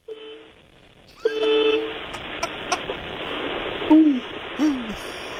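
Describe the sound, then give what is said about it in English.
A feeble, thin horn honk sounds twice in short flat bursts, then a couple of droopy, sagging toots follow over a steady hiss, all fairly quiet and weak. “I haven't heard a honk that meager in some time.”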